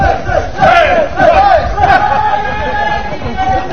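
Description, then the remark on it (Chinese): A lively crowd of many voices gathered around a bonfire in a courtyard at 8 pm after a Tibetan wedding feast, doing the guozhuang circle dance, with wavering, chant-like group calls rising and falling over a steady babble of chatter, fairly loud throughout and easing slightly toward the end. “美味的婚宴过后，众人围拢篝火，跳起地道的锅庄舞。”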